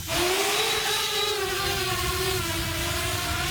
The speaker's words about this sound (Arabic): اختبار عملي لإحدى المسيرات، الهدف التأكد من فاعلية تطوير برمجي لمقاومة الرياح وزيادة الوزن.